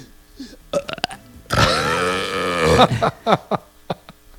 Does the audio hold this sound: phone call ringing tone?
no